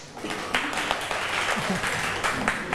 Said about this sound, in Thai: กลุ่มหนึ่งดีใจด้วยนะคะปรบมือเพื่อนเชิญค่ะ